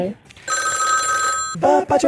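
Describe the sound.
A telephone rings once, a steady bright electronic tone lasting about a second, loud, on a radio call-in quiz line, with brief bits of talking just before and right after it.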